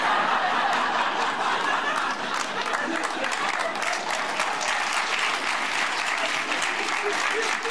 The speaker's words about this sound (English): Sometimes when people start applauding, other people are like, "No, we don't want to move our arms."